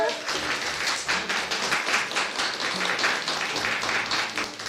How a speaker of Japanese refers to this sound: 美味しかったですか皆さん。美味しかった人は拍手。